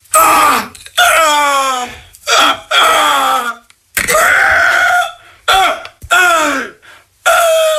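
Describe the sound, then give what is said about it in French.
A person vocalizes a series of strained, harmonic cries with sliding pitch, a poor human imitation of a rooster crowing, repeated in several loud bursts separated by short pauses. “Alors, c'est quelqu'un qui mute mal le coq, là. C'est clair.”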